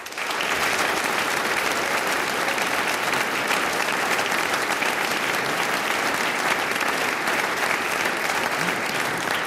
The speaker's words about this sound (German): und wir freuen uns alle, dass wir nach zwei Jahren ohne Besucher wieder ein Publikum haben dürfen und Applaus hören können. Schicken wir unseren Hörerinnen und Hörern im In- und im Ausland gleich einmal einen kräftigen Applaus hinaus.